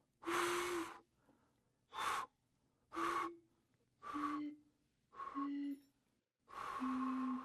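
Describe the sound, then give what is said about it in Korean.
Six breathy, hollow hoots of air blown into a row of glass bottles, the air in the space inside each bottle vibrating and resonating, each hoot lasting about half a second with short pauses between, stepping gradually lower in pitch. No one speaks. “병 속에 있는 공간에서 진동과 울림이 생긴 겁니다.”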